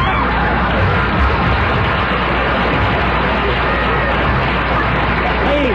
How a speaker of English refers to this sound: Please. Don't applaud, please. It brings the dust down from the balcony.